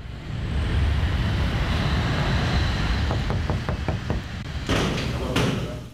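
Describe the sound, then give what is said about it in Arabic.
A rapid series of about seven sharp knocks on a door, followed by two heavier bangs, over a steady background rumble of nearby traffic. “لو سمحت ممكن تفتح باب؟ من أنتم؟ من على الباب؟”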